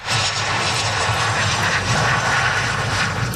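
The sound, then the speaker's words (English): A loud, steady airplane engine drone of a plane carrying four Canadians landing in Victoria, British Columbia, fills the whole stretch, a constant low rumble with a broad hissing roar above it and no voices. “A plane carrying four Canadians landed in Victoria last night.”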